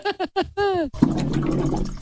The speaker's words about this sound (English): Is the glugging that the water cooler makes. It is exactly the glugging of a water cooler.